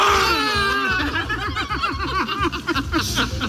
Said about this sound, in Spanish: Sí, estos eran los gritos de euforia del candidato Ulrich Siegmund y la cúpula nacional, Weidel y Krupala.